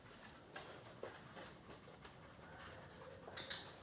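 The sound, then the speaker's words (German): A sharp, bright dog-training clicker click sounds near the end, marking a young dog's correct find in a search game with glasses, standing out over faint, regular tapping like footsteps. “Ja, sonst hätte ich nicht geklickt.”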